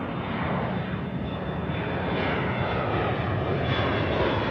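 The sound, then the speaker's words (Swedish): A steady, unbroken roar of airplane engines on a flight from New York, a dense low rumble with a hissing upper layer that holds at an even loudness throughout, with no voices. “Det är 2015 när den nu 60-årige sydafrikanen Derek Yach kliver på ett flyg från New York.”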